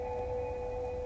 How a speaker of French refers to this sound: Les éleveuses parlent aux bêtes. Ce que tu entends, c'est une façon qu'ont les femmes scandinaves, depuis des temps immémoriaux, d'appeler leurs troupeaux dans les grands espaces, leurs vaches, leurs brebis, leurs reines.